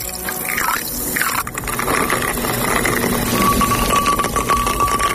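A rum and lime drink is poured in a kitchen in Megalochori at sunset, a continuous splashing stream whose pitch shifts as the glass fills, over a steady low background hum with no talking.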